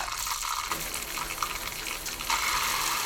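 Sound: shower running water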